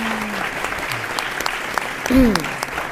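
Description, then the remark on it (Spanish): An audience in Málaga applauds in a steady, dense patter of clapping, with a brief voiced murmur rising partway through. “Un aplausito.”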